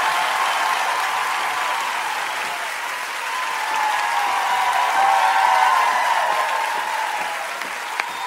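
Sustained audience applause welcoming two singers at a music show, a dense steady wash of clapping that holds at a fairly loud level for about eight seconds, swelling slightly midway, with no voices standing out.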